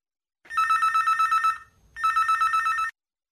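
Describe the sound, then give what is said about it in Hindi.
A telephone rings with an incoming listener call to a radio song-request show: two loud trilling bursts separated by a short pause, the bell-like tone rapidly pulsing. No one speaks. “देखते हैं अगली कॉल हमारे किन श्रोता की है।”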